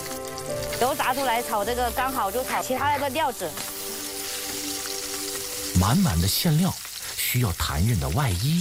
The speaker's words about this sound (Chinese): 菜籽油的话，味道比较香，适合红烧煎炒。 先下肥肉丁， 把油炸出来， 油脂裹挟着食材，香气馥郁。